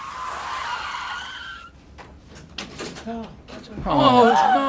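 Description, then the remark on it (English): A car going too fast loses control: tires screech in a long, loud skid, followed by a series of sharp crashing impacts and clatter as the car flips, then a strained voice cries out near the end. “He was going too fast and lost control, man. The car, it flipped.”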